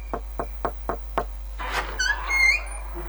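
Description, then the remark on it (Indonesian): Five quick, evenly spaced knocks on a door, clear, followed by a brief scraping rustle and a few faint high squeaks as the knocking stops. “Buka pintu dulu, Ma.”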